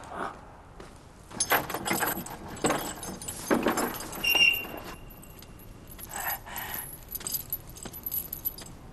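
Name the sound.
keys jangling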